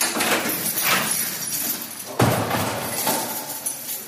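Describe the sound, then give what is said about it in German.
A heavy prison door in North Rhine-Westphalia, Germany, being opened and closed by prison chaplains, scrapes and rumbles, then slams with a sharp metallic clang about halfway through, followed by more grinding and rattling. Fairly loud, with no voices. “Tag für Tag öffnen und schließen Seelsorgende in Nordrhein-Westfalens Justizvollzugsanstalten viele Türen.”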